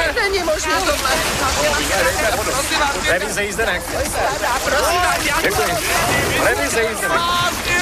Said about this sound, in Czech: Alice s cestujícími vyrazila na obtížnou cestu. Pozor! Vylejvejte vodu! Asi se potápíme!